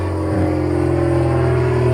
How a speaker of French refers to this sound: Des bruits d'avion, si vous... Il y a un aéroport par ici? Oui, il y a un petit aéroport à La Môle, dans un des plus beaux endroits du coin, qui appartenait à la famille Saint-Exupéry, donc ils ont permis de faire un petit aéroport pour les riches